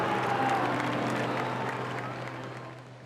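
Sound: crowd applauding the Pope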